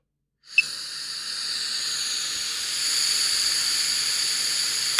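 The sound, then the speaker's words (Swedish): A steady, sustained breath blown into a breathalyzer to test whether the person is fit to drive: a bright airy hiss with a faint whistling edge, starting after a brief silence and holding evenly for several seconds with no speech. “Okej, då blåser vi.”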